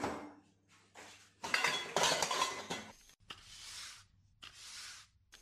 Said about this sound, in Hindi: चल तू बर्तन साफ कर, मैं घर साफ कर देती हूँ।